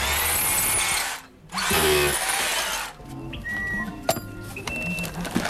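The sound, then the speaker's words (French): A power drill whirs loudly in two sustained bursts with a short pause between, followed by quieter clicks, squeaks and small mechanical handling noises. “T'as un tournevis, tu vois, toi?”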